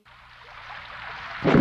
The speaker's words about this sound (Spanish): Afuera llueve